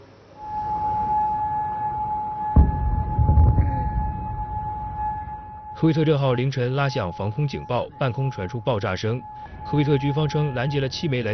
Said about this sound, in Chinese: 科威特6号凌晨拉响防空警报，半空传出爆炸声。科威特军方称拦截了7枚来自伊朗的导弹，袭击未做成人员伤亡。